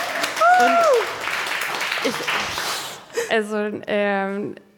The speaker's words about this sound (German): Und ein Applaus für unsere Wissenschaftlerin!